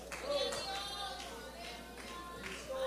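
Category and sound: crowd, audience clapping hands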